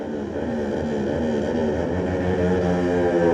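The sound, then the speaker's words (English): Andy Farrell's racing motorcycle in the Grand Prix Junior race gets away through the Grand Centre speed trap at just under 34 mph. Its engine roars steadily with a buzzing, layered harmonic drone, the pitch wavering slightly as it grows a little louder across a few seconds, with no voices. “Andy gets away through the speed trap of the Grand Centre, just shy of 34 mile an hour.”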